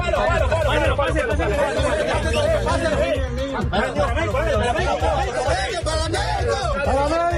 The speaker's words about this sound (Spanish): Este que escuchan es el momento en el que rescataban a un bebé de los escombros. Alegría, nerviosismo y gritos que contrastan con el silencio necesario para la búsqueda